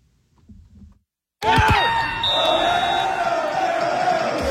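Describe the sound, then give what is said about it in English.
Faint murmuring, then a sudden loud eruption of crowd cheering from a bar full of people during Canada's FIFA World Cup game against Qatar, with shouts and yells holding steady at full volume to the end. “And the cheers were loud, louder than that.”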